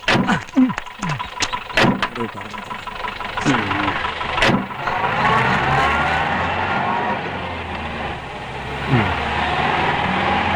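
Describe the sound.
A car engine runs steadily in the background with a low, continuous rumble, while a few sharp knocks sound early and voices come and go over it.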